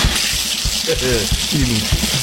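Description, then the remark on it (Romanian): Water runs steadily from a tap in a continuous hiss, with a couple of short voiced sounds rising briefly over the flow. “Și tu, Ioana, dă drumul să curgă robinetul cu apă.”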